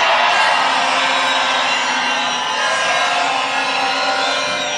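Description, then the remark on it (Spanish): A large crowd at a presidential campaign rally in Colombia shouts and cheers continuously, a loud, dense roar of many voices with whoops rising above it, sustained at a steady level throughout. “Esa es la voz, el grito, el clamor de todos y cada uno de los colombianos que le apuestan a la vida, a la libertad y a las garantías de tener un país donde los derechos humanos sean una prioridad.”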